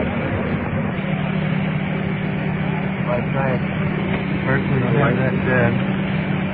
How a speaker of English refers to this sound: That rescue truck turned down a little bit.